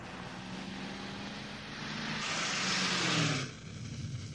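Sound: car speeding past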